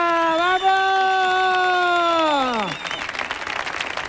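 A studio audience of the radio show El show del comandante Lara on Canal Sur Radio cheers for a performer: one long sustained whooping cry swoops downward, then gives way to a burst of steady applause and crowd noise.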